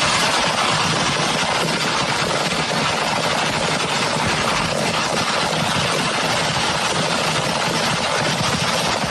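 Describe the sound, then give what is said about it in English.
A dense, unbroken barrage of fireworks bursting and crackling all at once as a fire burns through a fireworks stand, a loud steady roar of rapid pops that never lets up for the whole stretch, with no voices. “So this is audio of the fireworks going off.”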